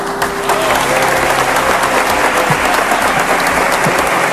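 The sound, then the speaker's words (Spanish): Steady, dense applause from a crowd inside a basilica as Pedro Martínez raises the trophy, many hands clapping loudly and continuously throughout, with a faint murmur of voices underneath. “Y situación para el recuerdo, con Pedro Martínez elevando el trofeo al cielo dentro del centro religioso y levantando también los aplausos entre los allí presentes.”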